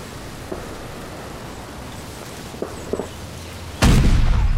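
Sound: artillery fire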